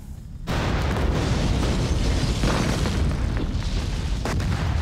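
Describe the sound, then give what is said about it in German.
A staged pyrotechnic explosion for a film shoot: a sudden deep blast erupts after a brief low rumble, then a loud, sustained roaring wash of fire and debris fills the rest, powerful with no voices. “Dann informiert Mebel die Leitstelle der benachbarten Feuerwehren über die anstehende Explosion.”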